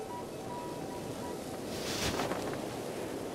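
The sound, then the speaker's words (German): Strong wind blows steadily outdoors near the sea, a constant roaring rush with a louder gust swelling around the middle, buffeting the microphone. No voices are heard. “Warum brauchen wir das? Weil es so windig ist?”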